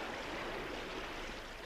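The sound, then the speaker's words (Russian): Steady, dense rush of rising floodwater from a mountain river, with a broad hissing wash like waves churning and surging, continuous and fairly loud throughout with no voices. “Вода все прибывает.”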